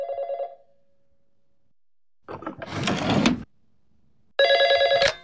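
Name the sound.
telephone ringing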